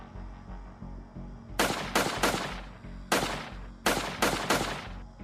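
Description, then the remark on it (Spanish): Seven sharp gunshots, fired at night at a house by armed attackers who arrived on a motorcycle, ring out in quick clusters of two and three, each a loud cracking burst with a short decaying tail, over a steady low rumble and no talking. “De acuerdo con el testimonio de los agraviados e imágenes de las cámaras de seguridad, los atacantes llegaron a bordo de una motocicleta y efectuaron varios disparos contra el inmueble.”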